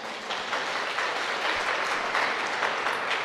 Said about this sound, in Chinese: 请问各位，你们现在的佛在哪里？在心中，太了不起了，为自己鼓掌啊！